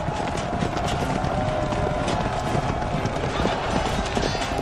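Many cavalry horses' hooves pound the ground as the riders lower their lances and break into a fast gallop, a dense, steady drumming rumble that stays loud throughout.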